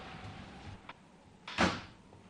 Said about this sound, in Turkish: çıkarken kapıyı kapa.